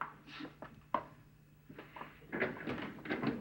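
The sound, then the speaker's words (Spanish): A door is opened with a sharp click of the latch followed by scattered knocks, rattles and scraping as it moves, moderately quiet, with no one speaking. “Me voy a esconder mientras tú abres la puerta.”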